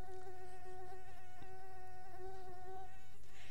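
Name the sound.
mosquitoes buzzing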